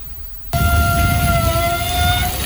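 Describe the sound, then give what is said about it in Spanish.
An outdoor beach shower, used to rinse sand off before heading home, bursts on after a brief quiet moment, its water spray roaring loud and steady, with a thin whistling tone from the pipes riding over the hiss. “Ese rugido de las duchas que encontramos en la playa cuando nos vamos a sacar las arenas para irnos para casa.”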